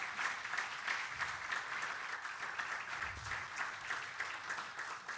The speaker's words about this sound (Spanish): Yo creo que eso merece un aplauso para Dios.